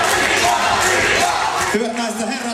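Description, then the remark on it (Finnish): A loud crowd cheers and roars as the finalists of a men's final are introduced, a dense, sustained wall of voices with a few raised shouts standing out; toward the end the noise eases slightly as a single voice carries over it. “Siellähän oli ihan älyttömän se kannustus.”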